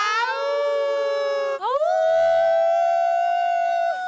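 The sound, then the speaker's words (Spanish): A large crowd at Macondo Park in Spain howls together like a she-wolf at night, a loud, sustained wail that briefly breaks and swoops upward, then holds steady for several seconds before tapering off. “Llevaban 8 años ensayando el aullido de la loba.”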